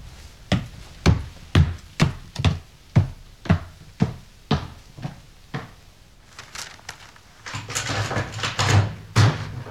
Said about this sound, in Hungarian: Csukja be, kérem, az ajtót.